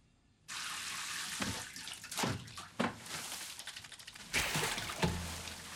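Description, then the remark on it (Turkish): Water gushes steadily from a tap into a tub as a bath is run, a continuous hissing rush that starts abruptly, with a few louder splashy surges and a swell near the end. No one speaks. “Ne yapıyorsun? Banyo yapacağım.”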